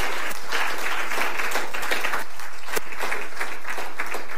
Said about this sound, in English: Well, give the Lord Jesus a loud hand clap this morning.